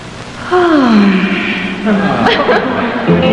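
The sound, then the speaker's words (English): An exaggerated, sultry yawn by a female dating-game contestant: a drawn-out voiced moan that slides downward in pitch, loud, followed by a few more breathy vocal sounds with faint background noise. “Bachelorette number two, let me hear your sexiest yawn.”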